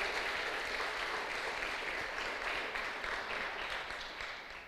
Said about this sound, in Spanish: Denle un fuerte aplauso al que vive por los siglos de los siglos.